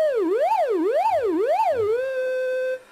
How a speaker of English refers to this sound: An oscillator produces a steady pitch sound. And in this synthesizer, we can control the oscillator sound from either the keyboard, from the pitch wheel, or automatically through modulation.